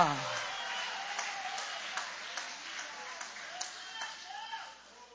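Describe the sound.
An audience at a church service applauds steadily for several seconds in praise of God, a dense wash of many hands clapping with scattered voices mixed in, fading slightly at the end.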